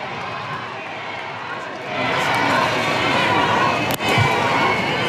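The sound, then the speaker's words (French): A large crowd in Metz, France, roars and cheers as Pope Leo XIV steps out of his car, the noise swelling sharply about halfway through and holding steady as a dense, sustained wall of voices, with one sharp snap near the end. “Écoutez la foule lorsqu'il sort de l'habitacle.”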